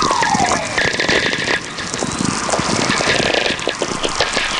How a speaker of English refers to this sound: These whistlers are really coming in big streams now. There's just one whistler kind of merging into the other, all slowly descending in pitch.